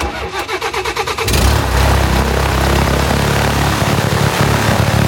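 A small airplane engine cranks with a rapid, uneven chugging for about a second, then catches and roars into a steady, loud propeller drone that holds to the end.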